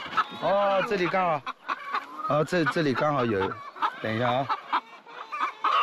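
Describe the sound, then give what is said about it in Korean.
Hens on a chicken farm cluck and cackle in a steady, overlapping stream of loud, warbling calls that run almost without pause, with the sound of many birds together in the background. “사실 닭 농장에서 가장 큰 일은 달걀을 모으는 겁니다.”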